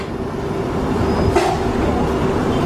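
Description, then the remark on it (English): A London Underground Piccadilly line train bound for Cockfosters, at Hatton Cross, heard from inside: a loud, steady low rumble and rattle throughout, with a brief hissing swell partway through and no voices. “This is a Piccadilly line service to Cockfosters.”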